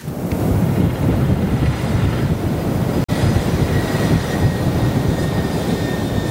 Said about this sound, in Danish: I nat blev der skrevet europæisk rumhistorie. Her lykkedes det nemlig den tyske rumfartsvirksomhed ISAR Aerospace at sende en ubemandet raket ud i rummet og i kredsløb om jorden. Det foregik i det nordlige Norge. 5, 4, 3.